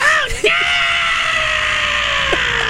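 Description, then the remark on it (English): A voice lets out a loud, sustained, high-pitched scream, imitating the sound of a lobster being boiled, holding one steady piercing tone for a couple of seconds after a brief rising start. “That's when they're boiled, the air beneath their shell gets suddenly released out, and that's whistling. Yeah. It sounds like they're screaming.”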